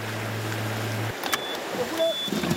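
A speedboat engine, carrying workers to Sanmen Island in the Wanshan Islands, drones steadily and loud for about a second, then cuts out, leaving a wash of sea and wind noise with a few faint, brief higher tones.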